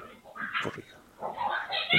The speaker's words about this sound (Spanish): Y allí después, en el segundo video, vamos a escuchar los gritos de la mujer.